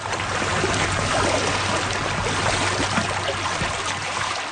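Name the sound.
flowing stream water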